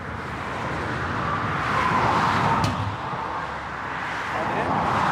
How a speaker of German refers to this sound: Auf der A20 stehen heute Flickarbeiten an. Zwischen Gützkow und Greifswald repariert ein 6-köpfiges Team einen Fahrbahnschaden. Eine 60 Quadratmeter Baustelle und nur einen Tag Zeit. Alles bei laufendem Verkehr.